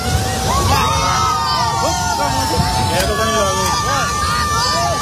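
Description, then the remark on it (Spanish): A steady, heavy roar of rushing floodwater sweeping away a bridge fills the scene while a crowd of onlookers shouts and calls out excitedly over it, with a couple of brief sharp knocks. “Este es el momento en el que un puente es arrastrado por la fuerza del agua.”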